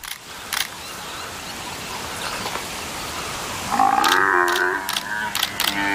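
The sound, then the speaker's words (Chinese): After a stretch of low, rough rumbling and scuffling, an African buffalo calf caught by a lion lets out a loud, drawn-out, wavering bawl of distress, broken by sharp clicks, with no one speaking. “听着叫声，这也太惨烈了。”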